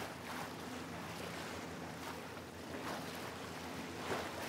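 A boat moves steadily across the water of the Tejo river, with a continuous wash of waves and spray, a low engine drone underneath, and gentle surges of splashing every second or so. No one speaks.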